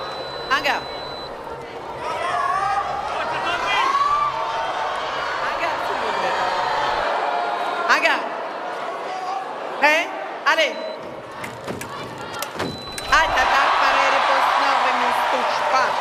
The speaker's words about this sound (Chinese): 现在中国香港队每得一分啊，现场都是排山倒海般的欢呼声。